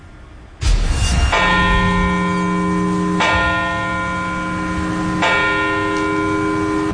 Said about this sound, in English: And in Baltimore County, leaders gathered in Parkville to commemorate the lives lost 25 years ago, bells tolled at the exact times the two planes hit the Twin Towers.